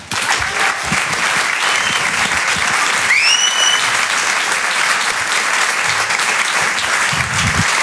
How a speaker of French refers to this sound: Applaudissez-vous. Vous êtes magnifique. Vraiment, applaudissez-vous.